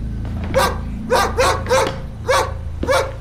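A dog barks six times in a quick, slightly uneven series, each bark sharp and mid-pitched, with a steady low hum underneath and no voices.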